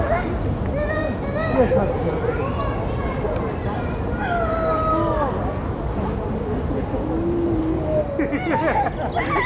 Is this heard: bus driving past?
yes